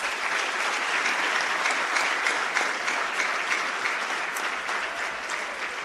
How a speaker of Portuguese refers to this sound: Temos um Estado soberano e a consciência de pertencermos a uma mesma pátria, do Rovuma ao Maputo, do Índico ao Zumbo, graças a estes jovens, a quem eu peço uma grande salva de palmas.